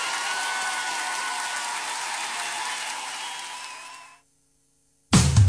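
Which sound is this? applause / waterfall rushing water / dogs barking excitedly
applause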